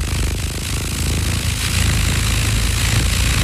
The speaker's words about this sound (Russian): Это на самом деле мотылек, мотылек, который бьется либо об лампу, либо об стекло. Вот так вот в нашей базе такой звук, так написано.